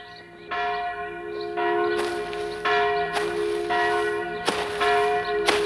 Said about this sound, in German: Das ist die Glocke der Dorfkirche.